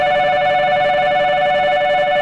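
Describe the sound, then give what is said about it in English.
A shrill, high-pitched electronic beeping signal, the all-aboard train departure signal used on railway platforms in Japan around 1988, rings out loudly and continuously for a couple of seconds, with no talking. “When I was a student in Japan in 1988, a shrill beeping noise used to signal all aboard.”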